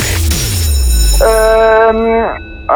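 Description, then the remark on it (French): A loud game-show gong rings out at the end of the quiz round, a sustained metallic tone with bright overtones that holds for about a second before cutting off, following a low sweeping swell. “Je passe et malheureusement, c'est terminé sur le gong”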